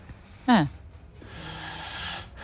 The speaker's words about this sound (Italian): Sì, è già un bel russare. È già un bel russare.